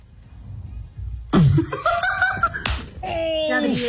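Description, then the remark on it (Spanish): A sharp, loud slap across the face cracks out as a woman slaps a man over his joking phone call, then a second smack, with high-pitched laughter and exclaiming voices filling the gaps right after. “No, hombre, le puso una cachetadota. Lo escucharon, ¿verdad?”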